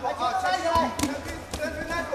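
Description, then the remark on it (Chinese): Three sharp, punchy thuds of boxing punches landing in quick succession during a bout, fairly loud, a lead straight thrown while moving left at a slight angle, over a steady murmur of background voices and arena noise. “漂亮，就是这一拳。”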